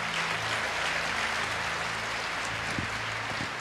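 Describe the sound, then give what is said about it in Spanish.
An audience applauds the Lord, King of Kings, clapping steadily throughout, a dense, even wash of applause that holds its loudness, with a low sustained hum underneath and no voices. “Más fuertes aplausos para el Rey de Reyes, Señor de señores.”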